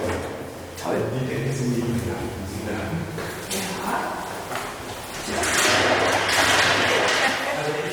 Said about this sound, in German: Ich habe 96 angefangen, da gab es noch die Tür zu. Tür zu, ja.